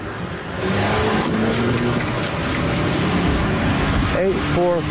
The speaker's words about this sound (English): The car, which was a small SUV, your patient has... just tried to run me over.